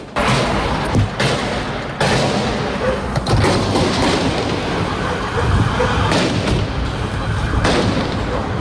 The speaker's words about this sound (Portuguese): mas a gente tem um registro de várias pessoas, motoristas, que passavam ali pelo local, e dá para ouvir, inclusive, os tiros, a situação ali de momento.